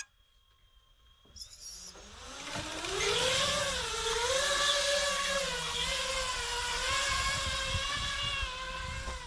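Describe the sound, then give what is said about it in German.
Drone motors spin up with a sharp electronic whine, rising in pitch as they reach full power, then holding a loud, steady whir with slight wavering in tone. No one speaks. The drones are launched from soup cans used as a launch platform during a range test. “Bezüglich der Reichweite haben die beiden Drohnen eine gute Leistung gezeigt.”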